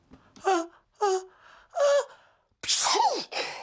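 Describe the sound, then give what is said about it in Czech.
Three quick, voiced gasping breaths build up in steps before a loud, explosive sneeze bursts out, with a short breathy tail after it. “No jasně, a teď je podzim, teď to všude lítá a polovina lidí kýchá, druhá půlka smrká a třetí polovina kašle.”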